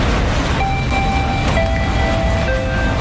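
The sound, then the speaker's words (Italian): A train pulls into a station at platform 1, a loud, steady rumble overlaid with thin, sustained metallic squeals from the wheels or brakes, with no voices. “Il treno del Buonasera con Emanuel è in arrivo al binario 1”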